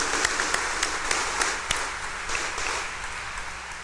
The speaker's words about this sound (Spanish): démosle también el fuerte aplauso de felicitación.